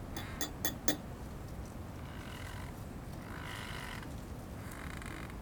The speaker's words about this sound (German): Im Vordergrund das feine Klappern einer Teetasse, die abgesetzt wird. Dann das energische Klacken einer Espresso-Tasse.